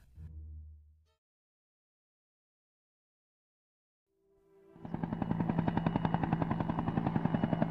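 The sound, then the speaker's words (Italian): After a brief low rumble and a pause, a loud, dense burst of rapid rhythmic chopping and rattling fire begins, like a helicopter with machine-gun fire, continuing steadily to the end. “divertiti con elicotteri e bombardieri scatenati, truppe speciali, villaggi di profughi, bombe a frammentazione”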